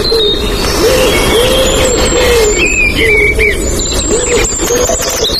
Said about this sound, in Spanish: Un cuco.